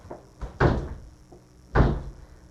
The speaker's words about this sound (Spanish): Ah, papo, ya esta puerta está más dura que la de la presidencial. De repente vamos a tener que engrasar las bisagras.